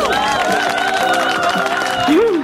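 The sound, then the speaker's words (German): Steady applause from a crowd, dense and continuous for a couple of seconds, with a few voices calling out over the clapping. “Dann kriegst du jetzt auch einen fetten Applaus hier.”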